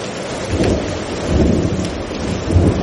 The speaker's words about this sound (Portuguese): Vaya, iso non é só unha chubascada. Leva vento, é unha treboada. E con tronos e todo.